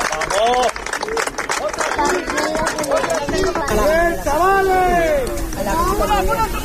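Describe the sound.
Footballer Ibai Gómez shouts repeatedly during a Real Zaragoza morning training session held open to the public and watched by hundreds of fans, loud strained calls rising and falling in pitch, over a steady wash of footsteps, scuffling and faint background voices.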